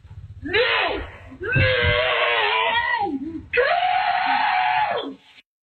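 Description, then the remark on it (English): A woman and her children scream at their dog, which has carried an armadillo into the house, in long, drawn-out wails slowed down in playback, their pitch sagging low and warbling, in three sustained bursts with brief breaks between, loud. “For journalism reasons, here's part of that clip again in slow motion.”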